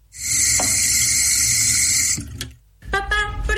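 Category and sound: household object, water running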